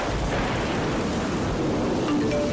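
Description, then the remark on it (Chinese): Steady, dense rain of a heavy rainstorm hisses throughout, with a deep low rumble of thunder underneath, especially early on. No voices, just the continuous wash of the storm. “开始下雨了，大家注意交通安全。”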